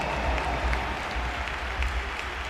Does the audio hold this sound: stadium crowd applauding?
yes